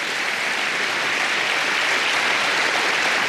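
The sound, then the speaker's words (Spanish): An audience applauding, a dense, steady wash of many hands clapping at once, loud and sustained without pause for the whole stretch, with no voices rising above it. “Si quiere aplaudir, aplauda, porque realmente vale la pena.”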